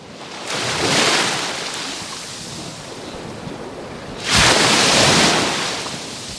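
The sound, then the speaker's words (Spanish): Mediterranean Sea waves wash onto the beach at Salobreña in two broad surges, one building around the first second and a stronger one crashing in later, with a steady hiss of surf between them and no voices. The swell is somewhat lower than the day before as a westerly storm eases. “Bueno, pues vamos a arrancar, como siempre, haciéndote escuchar el sonido del mar Mediterráneo que nos baña. Así suena hoy el agua del mar, el agua de la playa de Salobreña.”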